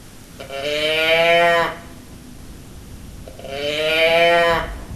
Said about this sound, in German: So ähnlich klang die Brumme meines Teddybären. Ich habe den Teddybären zwar noch, aber der brummt leider nicht mehr.